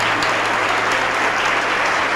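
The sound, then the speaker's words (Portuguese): A church audience claps steadily and loudly as people come forward to receive Jesus, a dense, continuous patter of many hands with no pauses, filling the whole moment without any voices over it. “Vamos aplaudir mais, está chegando mais gente.”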